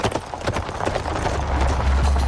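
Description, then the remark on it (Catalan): Horse hooves clip-clop in a quick, uneven patter, several animals overlapping as carts pass, with a steady low rumble of wheels building underneath and no voices. “Però veies aquest trànsit de carros, doncs no, i era una cosa doncs espectacular, perquè, esclar, arribaven més o menys tots a l'hora, doncs diguéssim, no?”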